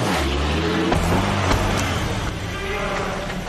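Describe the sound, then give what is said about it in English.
A truck engine rumbles as it is started and driven, its deep idle rising slightly as it revs and pulls away, a steady mechanical drone throughout with no voices. “He got into his truck, started the engine, and intentionally ran over Schrieffer.”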